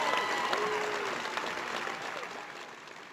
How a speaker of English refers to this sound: And, well, took a few years, but now they're here. And that is definitely worth another round of applause.